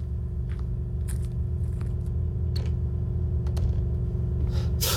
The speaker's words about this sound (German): Das war die Haustür.